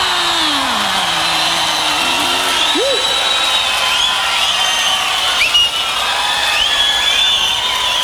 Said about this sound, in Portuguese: Eu queria que vocês aplaudissem com muito carinho